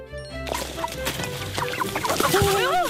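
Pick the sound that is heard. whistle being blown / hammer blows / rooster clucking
rooster clucking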